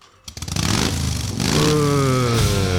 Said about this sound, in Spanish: Guarda, pero acá adentro no vas a prender la moto